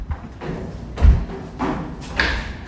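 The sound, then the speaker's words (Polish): Footsteps going down metal stairs underground in Łódź, Poland, into a former part of the city's sewer network with brick walls: about five heavy, evenly spaced clanking thuds, one deep and booming, the last with a brief metallic ring. No one speaks. “myślałam, że to będzie jakiś budynek, do którego będziemy wchodzić, a my tak naprawdę schodzimy po metalowych schodach w dół i za chwilę usłyszymy, jak będzie zmieniał się dźwięk.”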